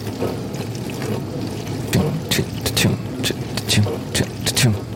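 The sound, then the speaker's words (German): Water from a dishwasher spray arm in a kitchen patters against a metal baking tray in rhythmic, splashy bursts every fraction of a second as the arm sweeps past, over a steady low machine hum. “Und immer wenn der Arm an meinem Backblech vorbeikommt, prasselt das Wasser auf das Metall.”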